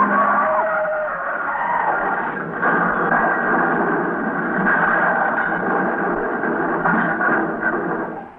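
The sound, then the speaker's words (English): Loud, sustained screech of the tires of two cars weaving and skidding down a street after midnight, continuing for several seconds with a rough, grinding texture and slight surges, no voices and no distinct crash impact. “Look at those two cars weaving down the street. Oh, they're going to crash.”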